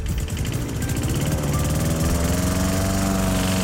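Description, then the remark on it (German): A lawn mower engine runs steadily, a loud, continuous droning hum with a slight rise in pitch as it revs. No one speaks. Played as the SWR 4 radio 'Sommergeräusch' (summer sound). “Der Rasenmäher, der durch den schönsten Musikmix gefahren ist”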